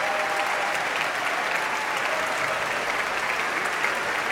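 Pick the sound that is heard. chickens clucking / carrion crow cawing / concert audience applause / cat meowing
concert audience applause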